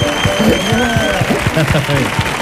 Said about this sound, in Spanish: Fuerte el aplauso